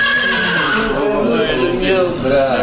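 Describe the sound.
A horse neighs loudly, a long wavering whinny that rises and shakes across a couple of seconds, with a man's voice speaking over part of it.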